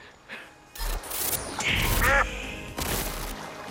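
A duck quacks a few times in quick succession, fairly loud, with harsh nasal calls over a rustling, noisy outdoor background.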